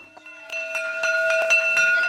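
A school bell rings continuously with rapid, steady strikes, its bright metallic tone holding at a constant pitch. It starts half a second in and stays loud until the end.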